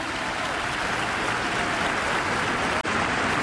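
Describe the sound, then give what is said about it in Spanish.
An audience gives a strong round of applause to the Lord, a dense, even wash of many hands clapping for several seconds with hardly any change in loudness and no voices on top. “Dale un fuerte aplauso, Señor.”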